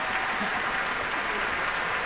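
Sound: audience cheering and applause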